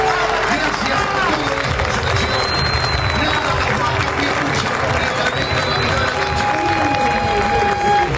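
Argentine football fans in a stadium in New York, United States, applaud their team steadily after the referee's final whistle, a dense, continuous wash of clapping and crowd noise with a few scattered whistles rising above it.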